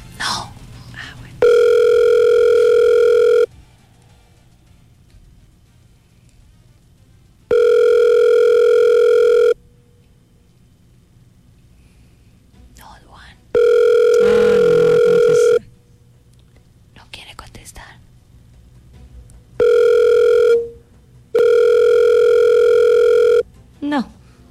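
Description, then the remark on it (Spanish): An outgoing phone call rings unanswered: a steady electronic ringback tone repeats in loud two-second bursts, about five times, with faint voices murmuring in the quiet gaps between. “No, no va a contestar. No va a contestar. No, cuélguele eso.”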